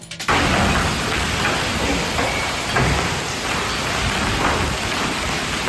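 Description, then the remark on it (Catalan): A dense, loud roar of hail pounding surfaces during a sudden, violent hailstorm in Solsona in the afternoon, steady with scattered sharper impacts, starting abruptly and continuing without pause; no voices. “Aquest és un dels moments de la calamarsada sobtada, bestial i fortíssima que va caure a Solsona ahir en plena tarda.”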